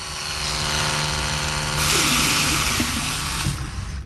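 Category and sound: household object, electric toothbrush buzzing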